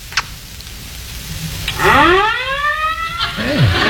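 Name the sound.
fire engine sirens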